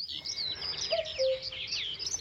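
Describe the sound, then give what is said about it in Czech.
A single soft two-note cuckoo call rises out of a dense forest backdrop of rapid, high-pitched songbird chirping that continues throughout. “Když byl hezký slunečný den, v lese byl příjemný chládek a všechno vonělo, často jsme slýchávali kukat kukačku.”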